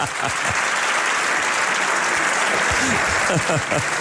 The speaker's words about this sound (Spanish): Han aplaudido demasiado rápido, pero iba a decir Vitoria-Gasteiz para hacerme el guay aquí, pero no me ha dado tiempo.